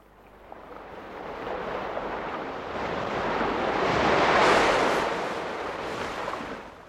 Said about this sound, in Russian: Вы слышите? Это плещут настоящие морские волны. Волны моря, которое находится в 150 километрах от нашей столицы, в одном из живописных мест Подмосковья, недалеко от города Можайска.